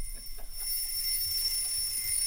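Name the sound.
alarm clock ringing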